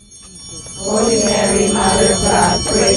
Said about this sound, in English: On a warm Saturday morning in May, ringing bells pierced through the quiet in the neighborhood surrounding St. Mary's Church on East 8th Street in National City.